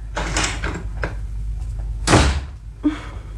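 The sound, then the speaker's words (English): A front door shuts with a solid thud partway through as a man makes an abrupt exit, preceded by a few softer clicks and rattles of handling; no one speaks. “Thought I hit the front door. You did, my pet.”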